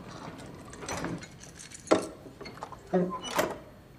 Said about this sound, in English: Chuck lifts the padlock and fits a key inside. Chuck twists the key, unlocking the padlock.